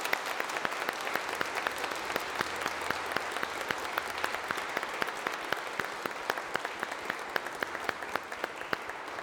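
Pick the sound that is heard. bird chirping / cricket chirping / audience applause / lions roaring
audience applause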